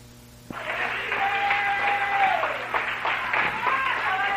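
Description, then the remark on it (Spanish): An audience at a Christian worship service breaks into sustained applause after a brief pause, the steady wash of clapping holding loud until the end, with voices calling out and cheering over it. “denle un aplauso.”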